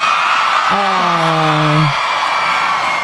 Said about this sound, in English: I had to cut out 60 seconds of cheering in that clip. Yes. Because Saskatchewan was losing their minds at one of our own,